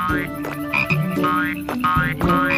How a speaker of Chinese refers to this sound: 但我和咕咕鸡听到郁金香花圃里传来奇怪的声音，跑出来一看， 是那些小青蛙，它们太害怕了，就一路跳到镇上了。